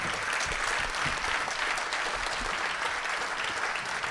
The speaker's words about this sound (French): On peut encore vous applaudir pour tout ça. Bravo.